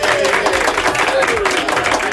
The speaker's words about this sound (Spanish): Pues el aplauso para ti